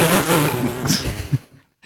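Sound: leaf blower running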